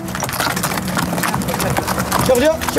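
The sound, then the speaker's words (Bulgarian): Donkey hooves clip-clop steadily in a quick, uneven rhythm, clear, as donkeys carry heavy luggage along narrow mountain trails in Morocco on the route to Mount Toubkal, passing tourists, with indistinct voices murmuring in the background. “Редом до нас ни следват и звуците на магаретата, които пренасят тежкия багаж по тесните планински пътеки, минавайки край туристите.”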